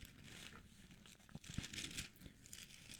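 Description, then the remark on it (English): Thin pages of a Bible rustle and flip as they are turned to Ephesians chapter 5, with crisp crinkling swishes and a few sharper snaps over about three seconds. No voices are heard. “As you hear my pages turning to it, Ephesians chapter 5, verse 18.”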